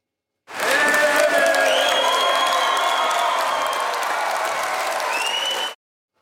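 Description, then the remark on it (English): A large crowd at the Conservative Political Action Conference in Brisbane erupts in sustained applause and cheering as Pauline Hanson shows up, with scattered whoops and shouts rising above dense clapping for several seconds before it cuts off abruptly. “But when Pauline Hanson showed up, the crowd went nuts.”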